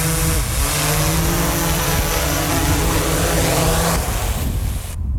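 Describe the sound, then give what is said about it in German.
A drone landing: its whirring rotors buzz steadily and loudly, with a faint pitch shift near the end before the motors abruptly cut out. “Und so tönt die Drohne, wenn sie landet.”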